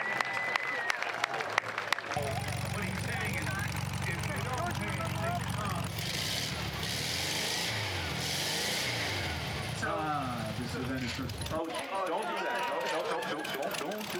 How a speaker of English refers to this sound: Aloha, sir. Big round of applause. This show is so classy.